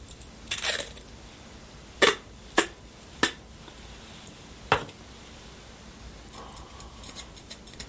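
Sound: scissors cutting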